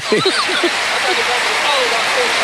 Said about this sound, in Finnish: 2-3-2 Tampere avaus hyppy ja yleisö seisoo, yleisö taputtaa ja Tampere viittoo kun lintu siivillään, että nyt sitä ääntä lisää.